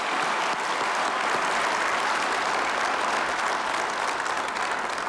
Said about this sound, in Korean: 시작에 앞서 삼성, SK, 현대차, 한화, LG, 부산 등 영남의 미래를 바꿀 대규모 투자 비전을 제시해 주신 기업인 여러분께 깊은 감사의 말씀을 드립니다. 우리 박수 한번 부탁드리겠습니다.